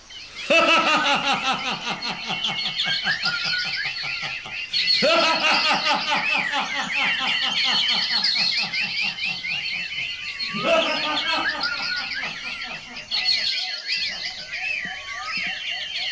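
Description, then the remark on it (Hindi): A huge flock of hundreds of birds takes off together, wings fluttering amid a dense, continuous din of squawks and calls, loud, with fresh surges of sound every few seconds. “एक साथ सैकड़ों पक्षियों के पंख फड़फड़ाने की आवाजें आती हैं।”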